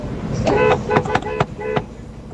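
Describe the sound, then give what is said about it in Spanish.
A car horn honks in a quick, irregular series of short toots, loud, with a longer blast at the start and a final toot after a brief pause. “Yo también quiero mi bocina.”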